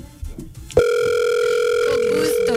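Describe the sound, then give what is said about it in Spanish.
After a few soft clicks and rustles, a loud, steady telephone ringing tone begins as a call is placed to a friend, and holds unbroken to the end, a single electronic buzzing note with no voices. “Vamos a llamarlo.”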